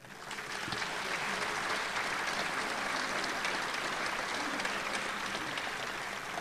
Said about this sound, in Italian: da questa sezione di Loreto dell'Associazione Arma Aeronautica, con il sostegno della Fondazione delle Opere Laiche, la collaborazione della Delegazione Pontificia, il patrocinio del Comune di Loreto, a cui rivolgo un applauso di ringraziamento.